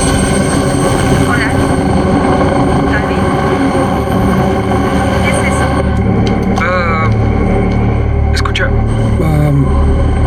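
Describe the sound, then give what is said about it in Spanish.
Many military helicopters circle overhead and head toward the listener's location, their rotors making a loud, continuous throbbing drone that fills the scene, with indistinct voices and tonal sounds mixed underneath. “Pasa, hay muchos helicópteros militares dando vueltas y se dirigen hacia donde te encuentras.”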